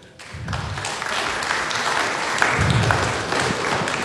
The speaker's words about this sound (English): Everybody who enjoys hearing the kids lead us in the Lord's Prayer, I want you to applaud right now.